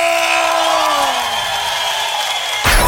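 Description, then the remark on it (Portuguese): Loud, sustained crowd noise with cheering voices, a long falling whoop sliding downward through the first second and a half, then a sudden rougher burst of shouting near the end. “E gostou, dá um grito.”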